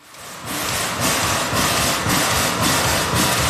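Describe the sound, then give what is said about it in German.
A 132-year-old steam tram locomotive, Lok 12, hisses steadily and loudly in front of the tram depot in Bern, with rhythmic puffing surges about every half second over a low mechanical rumble, no voices. “Sie dampft und zischt vor dem Tramdepot wie ein Tier, das endlich aus dem Stall will.”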